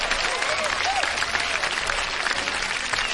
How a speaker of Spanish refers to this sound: Por cierto, un saludo para toda la gente bonita de Chapala, Jalisco, y un aplauso grande.